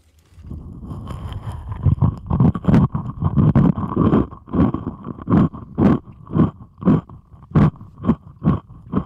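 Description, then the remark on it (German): Amplified chewing of a dry, crunchy rusk heard through a stethoscope, a steady run of muffled crunches with boomy low thuds, speeding into an even rhythm of about two bites per second. “Ich habe hier nämlich Zwieback.”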